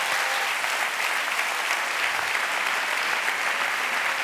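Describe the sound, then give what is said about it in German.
Steady, sustained applause from an audience, a dense wash of clapping hands at even loudness throughout, with no voices standing out over it. “Ein Applaus mal für euch alle jetzt an dieser Stelle.”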